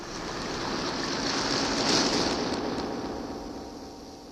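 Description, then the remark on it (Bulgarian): A steady wash of ocean surf swells to a peak midway, then slowly recedes, a broad hissing roar of water with no voices. “Помощ! Паднах в океана!”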